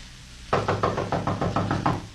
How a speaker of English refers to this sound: He'll go to the door and knock on it.